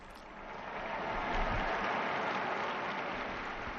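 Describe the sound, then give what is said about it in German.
A large crowd waiting for Pope Leo to appear at the window for the Angelus applauds in a steady, dense wash of clapping that holds at an even level for several seconds, with no voices heard over it. “Sie hören den Applaus.”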